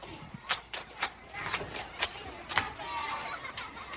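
An audience breaks into applause for a participant who has just spoken, starting with a few sharp, scattered claps that thicken into a steady patter of clapping over a murmuring crowd, at a moderate level.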